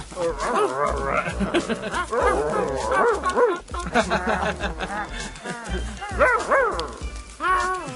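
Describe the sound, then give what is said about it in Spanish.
Someone imitates a puppy's growl with a run of yips, barks and growly whimpers, loud, repeating in bursts across the whole stretch with brief pauses between. “¡Ah, como un cachorro! Sí, ¿pueden imitar su gruñido?”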